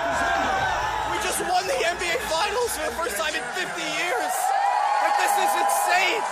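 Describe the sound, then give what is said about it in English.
A large crowd in the streets of New York City on a Saturday night cheers and shouts, celebrating the New York Knicks winning the NBA championship, with overlapping whoops and excited voices forming a loud, continuous roar of festive noise throughout. “New York City was out in the streets on Saturday night, cheering, shouting, and celebrating together.”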